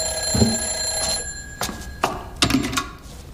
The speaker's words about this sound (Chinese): 是你的电话。